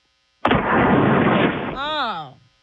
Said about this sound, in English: Get the doohickey up. Let's blow into the phone right now.